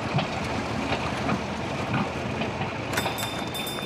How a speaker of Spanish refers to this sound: ¡Oh! ¡Se trata solo de un tractor!